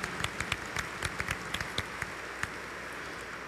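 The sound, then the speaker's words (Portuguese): An audience at a Eucharist in the house of Mãe Aparecida applauds to welcome Redemptorist missionary priests, a steady patter of many overlapping hand claps, fairly soft and sustained throughout, with no voices over it. “Com uma calorosa salva de palmas, sejam todos bem-vindos à casa da Mãe Aparecida.”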